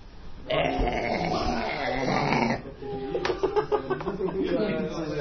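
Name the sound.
loud burp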